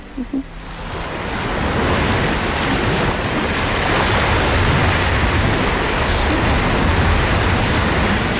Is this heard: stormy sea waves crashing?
yes